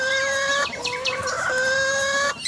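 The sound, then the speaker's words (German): A starling imitates a hen's clucking with a few loud, nasal squawking calls in quick succession, sustained and tonal, with no voices present. “Es darf auch mal ein Hühnergackern sein.”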